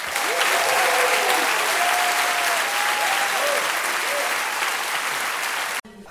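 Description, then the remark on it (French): A live concert audience applauds loudly and steadily for about six seconds, dense clapping with some cheering voices mixed in, before it cuts off abruptly near the end. “Je voudrais vous demander d'applaudir notre chef de cabine qui va s'assurer de votre sécurité à bord pendant tout le concert”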